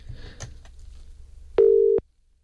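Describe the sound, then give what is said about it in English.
A single short burst of an outgoing phone call's ringing tone, a call to the caller's wife, a steady electronic hum that starts and stops abruptly, loud, after a stretch of quiet background noise with faint clicks. “I've now got to try and remember my wife's phone number.”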